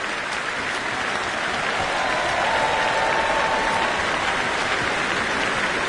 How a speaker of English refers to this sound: Still, they are standing to applause. An absolutely packed house here at the Royal Albert Hall.